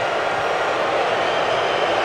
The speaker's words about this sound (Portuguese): Mais vaias. Pode subir o som ambiente do estádio. Pode subir, pode subir. Pode subir o som ambiente. Aí.